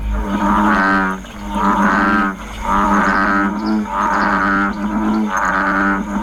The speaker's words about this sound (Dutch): Het klonk een beetje meer als de ruitenwissers van mijn eerste autootje. Die dan heel stroef over die uitgedroogd waren. Die moesten vervangen worden. Ja, maar het is een kikker. Het is de brulkikker of de stierkikker.